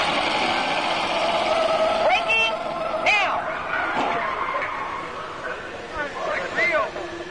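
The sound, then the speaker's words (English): A car during vehicle testing braking hard right up to a set of cones and steering through, with steady engine and road roar broken by a few short, high tire squeals partway through and again near the end, fairly loud. “Okay, I'm going to take you right up to the cones, hit the brakes, and see if I can steer you through.”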